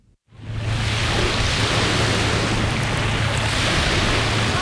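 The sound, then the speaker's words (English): A steady, broad roar of waves crashing on the shore washes in from a distance through the tree line of Refuge Cove State Recreation Area, north of Ketchikan, continuous and fairly loud, with a faint low hum running underneath and no voices. “The distant sound of crashing waves rings through the tree line of Refuge Cove State Recreation Area, north of town.”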